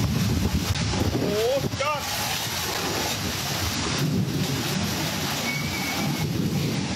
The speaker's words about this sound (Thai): จุดนี้คือถนนผังเมือง4ตำบลสเตงอำเภอเมืองยะลาชาวบ้านบอกว่าจู่ๆก็เกิดพายุฝนตกหนักลมกระโชกแรงถล่มเขตเทศบาลนครยะลากันแบบไม่ทันตั้งตัว